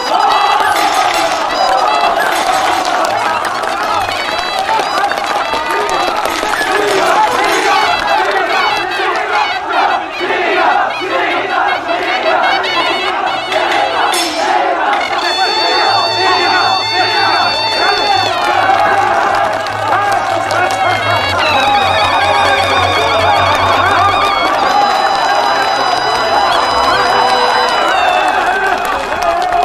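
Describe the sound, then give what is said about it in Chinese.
A large crowd gives warm applause congratulating a newlywed couple, roaring with cheering, shouts and clapping, loud and unbroken for about thirty seconds, with steady high-pitched tones and a low hum joining partway through. “让我们大家以热烈的掌声祝贺这对新人恩爱到底，革命到底，多杀鬼子。”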